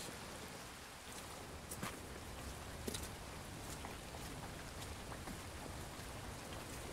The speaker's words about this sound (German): Gegen Mittag immer noch Regen.